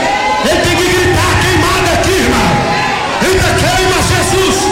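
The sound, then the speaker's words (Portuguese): A church audience shouting together loudly and continuously, many voices overlapping in a dense, fervent roar with rising and falling yells throughout, crying out in unison. “Grita, queima ele, diga, queima ele, queima ele.”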